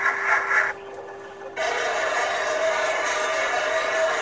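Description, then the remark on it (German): Underwater recording of a submarine, picked up by buoys: a steady, dense mechanical hiss with a constant humming tone beneath it, briefly thinning out near the start before resuming at an even level. “Das ist ein U-Boot. So klingt ein U-Boot.”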